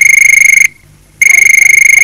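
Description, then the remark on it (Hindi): A telephone rings on the call-in program Hello Saheli with a shrill, rapidly trilling electronic tone: one burst, a brief half-second pause, then a second burst. It sounds loud and alone, with no voices. “कार्यक्रम हेलो सहेली में अंतराल हुआ खत्म और सुनते हैं किसकी घंटी आज फिर बजी है।”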